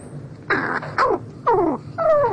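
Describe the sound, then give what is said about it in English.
Four soft crow calls at close range during courtship, each a brief descending coo with a slightly rough, rattling edge, evenly spaced about half a second apart with no talking. “Unlike many birds, crows don't sing loudly to attract mates from a distance. Instead, they sing softly and at close range during courtship, with a rich mix of soft cooing, rattles, growls, bowing movements, and mutual nuzzling.”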